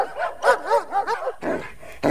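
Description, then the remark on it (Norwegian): A dog gives a run of high, wavering yelps and whines, then two sharp, rough barks, the second cut short at the end. “Du, nå kjem han, bikkja nå!”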